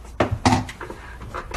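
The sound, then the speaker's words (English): Two sharp knocks of a cupboard door and a big metal saucepan being pulled out, followed by a few softer clinks and rattles as it settles. “Get a big saucepan.”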